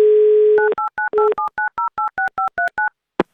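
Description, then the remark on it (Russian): A steady dial tone hums briefly, then about a dozen quick touch-tone dialing beeps follow in an even rhythm, each a short two-note chirp, ending with a sharp click: Avtoradio dialing a call to Samara Oblast, Russia, during its game show. “Звоним в Самарскую область.”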